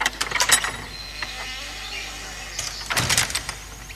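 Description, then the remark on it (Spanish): A door is shut by Emilia after she is told to close it, with a dull thud and a sharp metallic latch click, after a few lighter rattling clicks from the handle and mechanism. No voices are heard. “Dejad solos a los que quieren procrear y cerrar la puerta, Emilia.”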